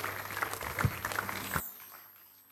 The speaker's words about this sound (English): Can you please celebrate God the more this morning? Rise unto your feet with me and give the Lord a big, big, big clap of praise for these strange and mighty acts in our midst.